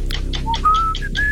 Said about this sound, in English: Whistling.